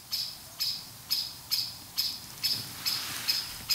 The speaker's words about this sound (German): Was ist das für einer? Das hört sich an wie eine Amsel. Wenn die schimpft, dann kommen sie.